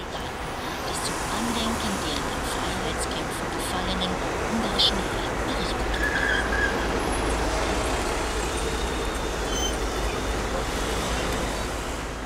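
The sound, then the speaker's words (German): Steady, loud rumble of a sightseeing tour bus engine driving through Budapest, heard from inside or beside the vehicle, with traffic noise around it and a brief hiss like an air brake, continuing evenly throughout. “Sightseeing per Bus.”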